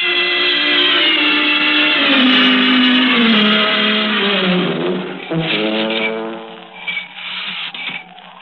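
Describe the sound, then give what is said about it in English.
A loud car horn blares in one long sustained honk for about five seconds, then breaks into several shorter, uneven blasts, with no talking. “That's him. That's his horn.”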